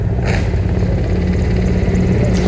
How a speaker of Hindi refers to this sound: और इस समय आकाश में जो स्वर हमें सुनाई दे रहे, ध्वनि सुनाई दे रही है, वो उन हेलीकॉप्टर्स की है जो पुष्प वर्षा करते हुए लाल किले के प्राचीर के ऊपर से गुजर रहे हैं और लोगों की निगाह उसी आसमान की तरफ है।